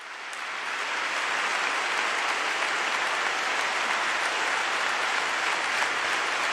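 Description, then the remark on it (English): Sustained crowd applause welcoming the words "Always love the church", a dense steady wash of many hands clapping that swells in over the first second and holds at an even, loud level with no voices. “Always love the church, which is being welcomed by a lot of applause.”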